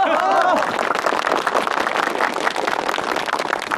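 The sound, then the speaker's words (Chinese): An audience breaks into steady, dense applause to welcome a speaker, a continuous crackle of many hands clapping that holds at an even loudness, with a brief voice at the very start. “大家鼓掌。”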